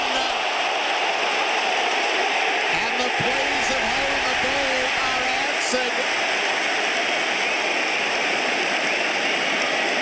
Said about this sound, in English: A ferocious roar from the crowd.